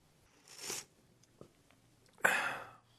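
Two quick, airy slurps of hot coffee, the second louder and longer, separated by a short quiet pause with a faint click between them.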